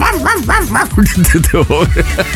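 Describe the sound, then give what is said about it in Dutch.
A dog barks in a quick, continuous series of sharp, high-pitched yaps, loud, with the barks running almost back to back for a couple of seconds. “Speel hondengeluiden af voor een uur.”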